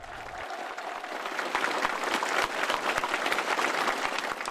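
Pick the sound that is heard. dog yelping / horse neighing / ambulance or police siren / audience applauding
audience applauding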